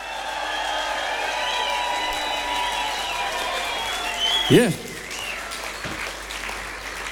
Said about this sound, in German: Plus nochmal an dieser Stelle einen ganz warmen Applaus für die Band heute Abend.